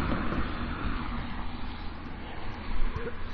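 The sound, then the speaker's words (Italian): Steady street traffic rumbles, a dense low roar of passing cars that swells briefly near the end as one goes past. No voices. “E le macchine passano, ci vedono camminare col portatile.”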